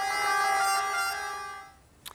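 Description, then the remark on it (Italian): A sustained siren wail with steady harmonic tones, sounding in farewell to a coffin at the end of a funeral mass, holds for nearly two seconds, then fades away, followed by a brief sharp sound at the end. “Alla fine della messa, il saluto al feretro accompagnato dal suono delle sirene.”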